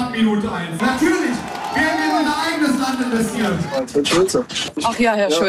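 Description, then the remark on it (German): A crowd of fans cheers loudly and steadily for Ulrich Siegmund, the AfD's lead candidate, at a campaign rally in Magdeburg, many voices shouting and whooping together, breaking into choppier bursts of yells toward the end. “Jubel seiner Fans für Ulrich Siegmund, den Spitzenkandidaten der AfD, die um eine absolute Mehrheit kämpft.”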